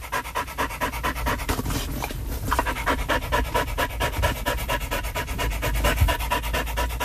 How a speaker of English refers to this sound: So, you know, Jackie panting, that is an inspiration for a German techno funk piece. I mean, seriously. So this is Jackie Panting Dog, Queenscliff Lagoon. Here it is.